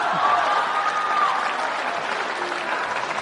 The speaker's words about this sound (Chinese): 你听听这掌声。